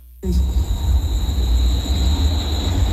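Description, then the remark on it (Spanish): A shrill, very high-pitched scream-like tone, like a tuning fork, rings steadily over a loud, low rumbling roar that starts abruptly and continues throughout, with no voices; a recording made in an old mansion in the south of Guadalupe, Nuevo León. “¿Qué fue ese grito?”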